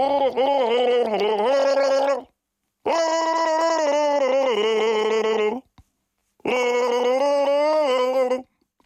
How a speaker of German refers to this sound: Ich gurgel mal vor, ja. Also du hast 1001 Chance, das zu erraten. 1001 Chance hast du jetzt gleich die Chance. Genau. Das NDR 1 Radio MV Ostseewasser gurgeln.